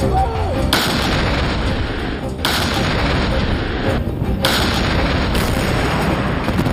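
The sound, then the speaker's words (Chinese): An artillery battery fires a salvo, all of its guns firing almost simultaneously and raising a lot of dust: several loud, booming blasts in quick succession, about four sharp reports over a continuous deep, roaring rumble that never falls quiet. “这轮齐射，整个炮兵连的所有火炮集体上阵，几乎同时发射，这样可以确保炮弹到达目标区域的时间相差无几”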